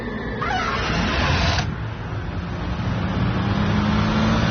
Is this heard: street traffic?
yes